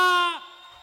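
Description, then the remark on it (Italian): A loud, high-pitched audience scream at the Venerdì Notte Art show rings out for under half a second, then breaks off abruptly, leaving a faint, noisy tail behind it. “Allora qua c'è un buco e a me, vabbè, a me i buchi piacciono ma non così grandi, quindi un po' più avanti perché voglio sentire il vostro urlo.”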